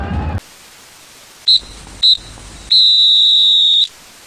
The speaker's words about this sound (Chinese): 三声哨响啊！恭喜长春队。